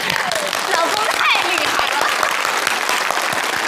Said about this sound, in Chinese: 成功了， 鼓掌